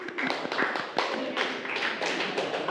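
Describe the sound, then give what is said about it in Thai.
A class of students clapping together for group 4 in a steady burst of applause, dense overlapping hand claps lasting a few seconds at moderate volume, with no voices standing out. “ตัวแทนกลุ่ม4ปรบมือกับกลุ่ม4หน่อยค่ะ”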